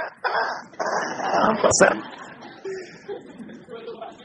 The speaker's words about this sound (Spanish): Oigan la gaviota.